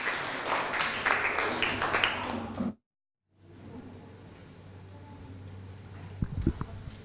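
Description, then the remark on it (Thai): A class of students claps in a dense, steady burst of applause for the group 2 representatives presenting on Thai desserts, then it cuts off abruptly into silence, followed by quiet background noise with a low hum and a few soft thumps. “นักเรียนต้นทางพร้อมไหมครับปลายทางพร้อมไหมครับถ้าพร้อมแล้วขอเสียงปรบมือให้กับตัวแทนกลุ่มที่2ครับ”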